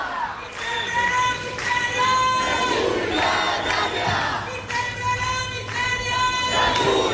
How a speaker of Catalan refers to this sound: I ara estan aquí cridant, acaben d'arribar i protestant i amb pancartes i banderes i paraigües, perquè a més s'ha posat a ploure.